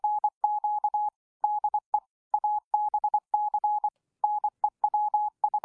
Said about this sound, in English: That's Morse code for ABC News Queensland. And thank you very much to the loyal listener who put that little one together for you.